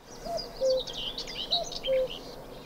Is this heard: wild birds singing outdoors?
yes